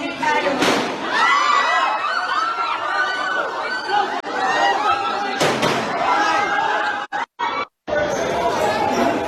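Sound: series of gunshots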